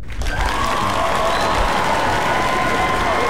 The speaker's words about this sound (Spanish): se festeja con bombo y platillos, y aquí en Radio Disney, pues mira, este aplauso es una ovación de pie para ustedes.